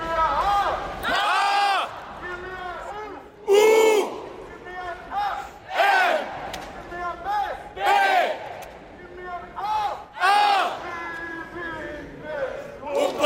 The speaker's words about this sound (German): Minden hat gegen den Tabellenletzten Leipzig verloren und deshalb bleibt Mittelhessen erstklassig. Nach dem Spiel haben die Spieler das zusammen mit den Fans in der Kurve gefeiert.